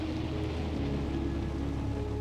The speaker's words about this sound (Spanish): De repente, un trueno ensordecedor de la lluvia me hace brincar. Ah, se escuchó cerca.